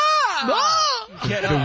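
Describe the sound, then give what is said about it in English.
An NFL player lets out a loud, strained scream of pain that swoops upward and then sags for about a second, followed by a rougher, breathy groan. “The Wilhelm scream of the NFL. It still didn't sound good.”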